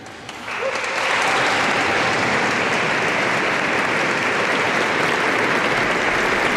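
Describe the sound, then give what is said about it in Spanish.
A large crowd of diocesan volunteers breaks into sustained applause and cheering as the Pope enters, the dense clapping swelling within the first second and then holding steady and loud throughout, with no one speaking. “Estos eran los voluntarios a los que escuchábamos esos gritos al entrar en el Papa.”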